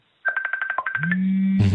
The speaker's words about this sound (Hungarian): Csörög a telefonja? Nem, kinyomtam már. Aha. Valaki olyan... Németország, egy volt tanítványom hívott Németországból.